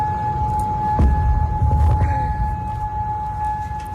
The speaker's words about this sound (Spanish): El Ministerio del Interior de Bahrein ha informado de que se han activado esas alarmas antiaéreas en la zona.